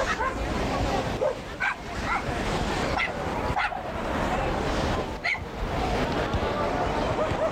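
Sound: dog barking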